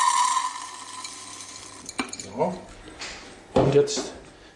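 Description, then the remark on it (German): Dry grain is poured into a container in short rustling, rattling bursts, with a soft scrape and a louder gritty spill toward the end. “Und jetzt gießen wir dieses Getreide mal in dieses Gefäß.”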